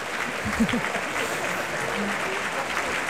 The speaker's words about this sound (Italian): Eccoli di nuovo che fanno una corsa per prendere gli applausi.